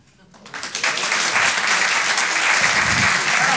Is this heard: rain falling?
no